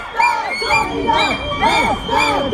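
A loud crowd of about 30 anti-bullfighting protesters at the Feria des Vendanges in Nîmes, France, at the corner of the Musée de la Romanité, shouting and chanting slogans with whistles and fog horns, many voices overlapping in rising and falling cries, with shrill whistle-like tones mixed into the steady din.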